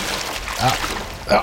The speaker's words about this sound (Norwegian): jeg har lenge lurt på om du virkelig sitter så nærme elva som det høres ut som. Det er klart jeg gjør det